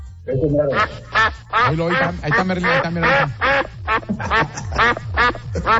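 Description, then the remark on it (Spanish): A duck quacks loudly in a rapid, continuous series of harsh, nasal calls, a dozen or so quacks tumbling one after another with barely a pause. “El pato, ¿sí lo has visto en redes? El pato más viral.”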